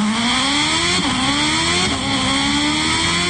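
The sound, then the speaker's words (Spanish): A motorcycle engine revs up loudly, its pitch climbing steadily and dropping briefly at two gear shifts before rising again, with no voices. “Vámonos a la motocicleta con Alberto Mariscal. El reporte desde la moto.”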